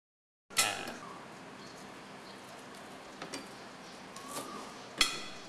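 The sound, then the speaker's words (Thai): A knife thinly slices peeled home-grown lemongrass on a cutting board, giving a few sharp, irregular chops over a steady low hiss, with no voices. “แล้วเราก็ซอยบางๆนะครับ”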